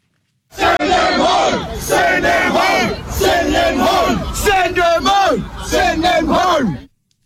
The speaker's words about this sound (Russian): сотни мужчин в масках шли по улице, неся бутылки, кирпичи, обломки камней, скандируя призыв к властям по поводу мигрантов: отправьте их домой.